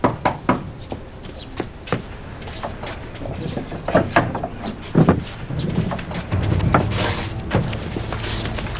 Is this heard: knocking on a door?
yes